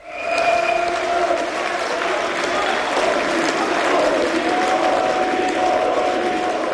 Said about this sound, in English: That's the sound of supporters of the far-right AfD celebrating a landslide election victory in the former East German state of Saxony-Anhalt.